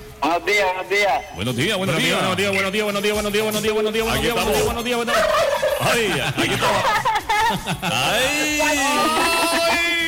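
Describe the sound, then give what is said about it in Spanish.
Loud turkeys gobble almost nonstop for about ten seconds, their rapid warbling calls overlapping one another in a dense, chattering chorus. “Y eso que el pavo no ha entendido el ala.”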